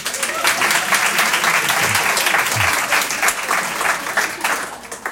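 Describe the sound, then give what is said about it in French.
A crowd claps steadily for about five seconds, a dense, fairly loud wash of many hands with no clear pauses, fading slightly at the end, applauding to show who collected cartridge balls at school. “Alors, par applaudissement, qui collectionnait les billes de cartouches?”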